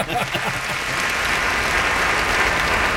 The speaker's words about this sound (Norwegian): Man behöver få... Jag ska ligga på någon sån kunstig applaus.